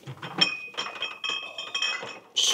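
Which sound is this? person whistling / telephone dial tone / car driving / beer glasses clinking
beer glasses clinking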